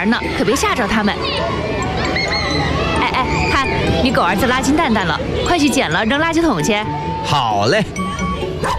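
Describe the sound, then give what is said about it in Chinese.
A crowd of children chatters and shouts at play outdoors in a residential compound, many high voices overlapping in a steady, lively babble with occasional squeals rising above it, fairly loud throughout. “那可不行，这么多小朋友在玩呢，可别吓着他们。”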